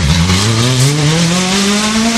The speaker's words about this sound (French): La première voiture va partir pour les VMRS, hein, véhicule moderne de régularité sportive.